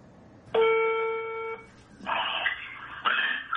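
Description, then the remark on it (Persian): A telephone line sounds a steady electronic tone for about a second, followed by two short, buzzy ringing bursts, loud with no voices, as a student places a recorded phone call to his teacher. “یکی از شاگردای هاش سعید طوسی زنگ میزنه بهش.”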